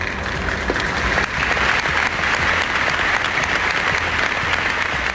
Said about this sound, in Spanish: Así sonaban los aplausos a este fenómeno que se vivió en Jaén con grandes reuniones en zonas como el Castillo o el Parque del Boulevard y que transcurrió con civismo y normalidad.